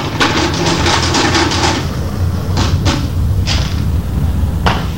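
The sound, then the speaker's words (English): A mechanical adding machine clatters through a quick run of about eight sharp key strokes as the money taken from a store is added up, then a few scattered clunks follow after pauses, all over a steady low hum. “We got the figures on the machine.”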